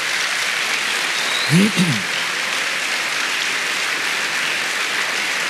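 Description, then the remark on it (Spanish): An audience claps for the Lord, steadily as one dense, continuous wash of applause for several seconds, with a brief voice calling out partway through. “Dele palmas al Señor.”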